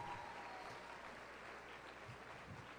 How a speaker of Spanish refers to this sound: Yo quisiera que le dieran un fuerte aplauso